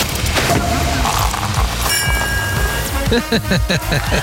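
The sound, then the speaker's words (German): A burst of dense, steady applause congratulating a contestant on a big step up the ladder toward winning, many hands clapping in a continuous crackling wash that stays loud throughout, with voices talking over it. “Vor allen Dingen kriegst du aber von mir jetzt auch erstmal einen Applaus.”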